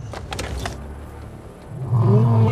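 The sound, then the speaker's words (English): A deep, rumbling roar from male lions, Big Toe and Maduma, swells up loud in the last half-second after a few brief clicks and rattles. “They're just roaring and they're just making it known that they're nearby.”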